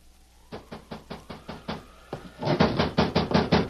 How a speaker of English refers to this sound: Then one night, right in the middle of a rainstorm, there came a knock at the door.